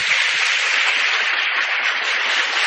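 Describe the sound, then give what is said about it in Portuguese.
Steady applause from an audience in a parish church, welcoming Dom Carlos Alberto, who will preside over the last evening mass, dense overlapping claps forming a continuous hiss-like wash that stays loud and even throughout, with no voices heard. “Temos a alegria da sua presença entre nós, presidirá a última missa tarde, as nossas palmas.”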